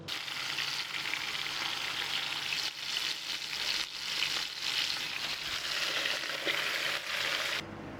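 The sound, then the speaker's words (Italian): Steady, dense sizzling of a soffritto frying in a pan in a kitchen near a lake, the start of sbroscia, a local fish soup, with fish heads to be flavoured in it; a bright crackling hiss that holds for about eight seconds with slight surges and faint stirring, no voices. “Si inizia con un soffritto nel quale si insaporiranno le teste, un po' di pomodoro e dell'acqua per creare un fumetto.”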